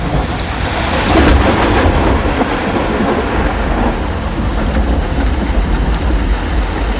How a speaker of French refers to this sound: Nuit à Saint-Petersleu. Hier soir, la foudre a frappé, je veux dire littéralement. Premier degré, bam! Climax.